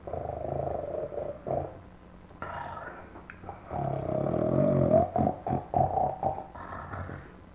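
A man snores loudly and raspily, with rough, gurgling breaths in uneven bursts. The snorts grow heavier toward the end, and no one speaks.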